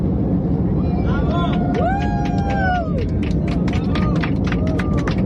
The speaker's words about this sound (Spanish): Como escuchas, Julio, el avión ha empezado a aplaudir, hemos empezado a gritar, porque es que realmente ha sido una sorpresa colectiva. Nos teníamos grandes expectativas de este eclipse, de poder vivirlo desde el cielo, desde 10.000 metros de altura.